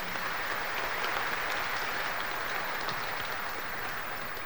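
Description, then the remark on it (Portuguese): An audience applauds steadily to welcome the deacon, a dense wash of many hands clapping at an even level for several seconds with no voices over it. “Vamos acolher o diácono com uma salva de palmas.”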